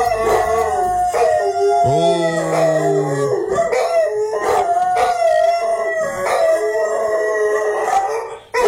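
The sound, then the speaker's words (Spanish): Several puppies howl and whine together in a continuous, wavering chorus, loud, with one voice rising into a long sliding cry partway through; no one speaks. The puppies are crying out of fear of the rain as it rains. “Los cachorros. Le tienen miedo a la lluvia, por eso están llorando así.”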